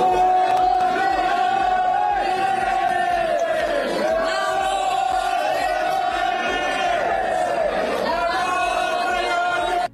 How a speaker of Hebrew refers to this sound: פקקים נרחבים בגוש דן בשל עשרות חרדים קיצוניים שחוסמים את כביש 4 באזור בני ברק, כך זה נשמע.